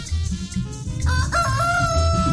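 A rooster lets out one long, drawn-out crow, loud and close, rising over a low rumbling background after a brief moment of murmur.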